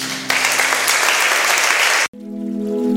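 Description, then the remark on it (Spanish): An audience bursts into dense, loud applause offered as adoration to Jesus for about two seconds, then the clapping cuts off abruptly and steady sustained musical tones, like an organ or keyboard, take over. “Te damos nuestra sublime adoración. Con un aplauso, Jesús.”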